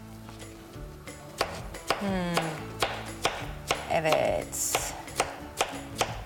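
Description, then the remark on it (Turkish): A knife chops vegetables into medium-sized cubes on a cutting board for a simple soup, making about ten sharp, fairly evenly spaced thuds at a moderate level, with a voice speaking briefly between the strikes. “Öyle küp küp doğradık.”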